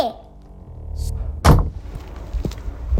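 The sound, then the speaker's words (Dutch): A café door swings shut with one loud, heavy slam and a deep thud, followed by a brief rattle and quieter room noise settling afterward. “de deur valt weer dicht van Krancafé Confetti”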